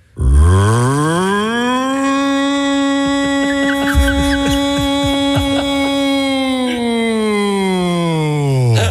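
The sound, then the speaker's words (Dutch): A voice imitates an air raid siren: one long, loud, buzzing wail that rises quickly, holds a steady pitch for several seconds, then sinks back down at the end. “Ja, even de luchtalarm nog, niet schrikken. Maar zijn luchtalarm is niet echt.”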